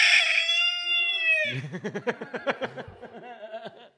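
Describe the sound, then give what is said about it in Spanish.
A single loud, drawn-out rooster crow rings out, followed right away by a quick series of rhythmic, chuckling pulses that fade slightly toward the end. “Kikiriki. Los huevos del gallo.”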